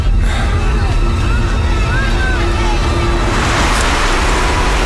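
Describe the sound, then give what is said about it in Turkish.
A bus pulls up amid steady, loud traffic rumble, with a broad hiss building toward the end as it halts, like air brakes releasing, over a background murmur of voices. “Ah, işte otobüs geldi.”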